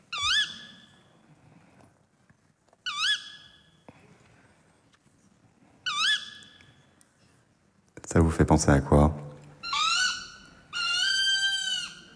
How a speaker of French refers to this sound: Hulotte. Ouais, c'est la hulotte.